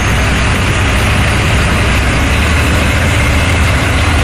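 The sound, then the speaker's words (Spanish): A heavy tanker truck engine idles steadily near the Metro campus of the Universidad Interamericana, a loud, continuous low rumble with a constant throb and no voices. “La presencia de camiones cisternas en las inmediaciones del recinto metro de la Universidad Interamericana son parte de la cotidianidad.”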